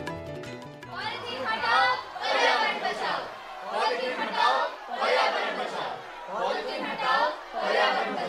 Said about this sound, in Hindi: अरे इतनी भीड़, इतना शोर, ये सब कहाँ जा रहे हैं? जरा पूछती हूँ मैं किसी से। अरे ओ भाई, कहाँ जा रहे हो, ये कैसा शोर है? हाँ माई, हम लोग अपने क्षेत्र में साफ सफाई न होने के कारण धरना प्रदर्शन कर रहे हैं